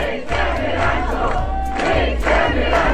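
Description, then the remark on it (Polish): A large crowd of fans of the TV series Rancho, at the filming of its new season, sings and chants together with loud, steady energy, voices blending into a continuous roar with rhythmic swells and occasional shouts. “I to wszystko fani Rancho. I to jacy? Oni tutaj śpiewają, robią zdjęcia.”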